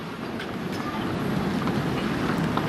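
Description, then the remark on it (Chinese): Strong, gusty wind roars steadily outdoors during a tennis match, shifting between headwind, tailwind and crosswind, a dense low rumble with a broad hiss, growing slightly louder partway through and buffeting the microphone, with no voices. “风还是比较大的，而且现在这个风稍微有一些凌乱啊，不仅仅是顺风和逆风，还带着一些侧风。”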